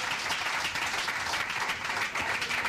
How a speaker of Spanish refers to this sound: Otro aplauso al Señor, hermano. ¡Gloria a Dios!